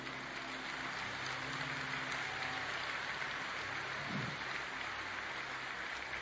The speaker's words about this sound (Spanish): Denle un mejor aplauso.